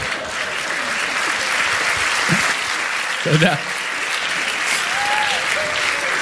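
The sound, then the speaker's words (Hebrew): An audience in which many men are clapping applauds steadily throughout, a dense, even wash of clapping that holds its level the whole time, with a single voice briefly speaking over it partway through. “יפה, הרבה גברים מוחאים כפיים, יש כמה פמיניסטיות, פחות התחברתי לקטע הזה.”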